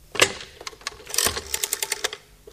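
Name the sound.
dialing a telephone number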